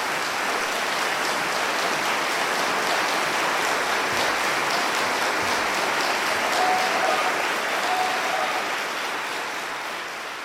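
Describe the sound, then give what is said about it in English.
A sustained burst of audience applause in a live recording after a performance of Shostakovich's Piano Trio No. 2 in E minor, a dense, steady wash of many hands clapping that holds for about ten seconds before tapering slightly at the end. No voices are heard. “Well, it's a live recording and I was expecting to hear applause. Oh, here it comes.”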